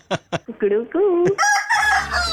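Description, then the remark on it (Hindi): A rooster sound effect crows loudly, a single full cock-a-doodle-doo starting with sharp clucks and rising into a long, bright, strained call. “दूसरी बात ये कि अब आपका अफेयर चलेगा, आपका मुर्गा बन गया।”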